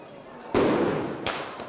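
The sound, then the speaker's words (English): Two sharp firework mortar blasts go off about a second apart in Bordeaux, France, as students hurl mortars at riot police, loud, each ringing out briefly over a steady noisy outdoor background. “Elsewhere in Bordeaux, sixth form students hurled mortars at riot police.”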